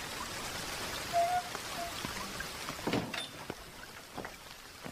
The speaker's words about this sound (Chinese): 这外边下着大雨呢，哎，让他们快进来吧。